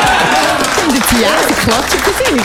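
A crowd claps steadily throughout, a dense spatter of many hands with voices shouting and cheering over it, loud and continuous.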